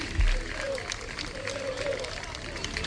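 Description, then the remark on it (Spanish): A crowd applauds steadily for a few seconds, a dense patter of clapping with a murmur of voices and outdoor bustle underneath, as the Sporting team bus departs. “Mira, los aplausos son para el autobús del Sporting que se marcha.”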